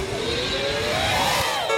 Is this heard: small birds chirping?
no